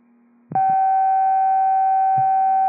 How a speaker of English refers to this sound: Cancellation tones, 611, cancellation tones, stand out for the fire alarm, task clear, 1653.